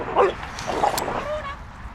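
Two dogs, the younger one jumping against the older female's face, give short, high yips and a thin whine in quick bursts, fairly loud, amid rough, scuffling play that grows ever rougher.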